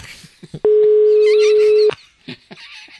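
A steady, loud telephone dial tone of an outgoing call placed from a radio show holds one low-mid pitch for just over a second, bracketed by soft clicks and faint scattered background noises before and after.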